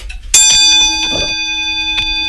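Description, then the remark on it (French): A small clock bell made of bronze-like alloy, in a clock-repair workshop, is struck once, and its bright, layered ringing tone hangs and slowly fades, with a faint knock partway through. No one speaks. “Ça, c'est la cloche. On va écouter une petite cloche peut-être, parce que vous me faites signe.”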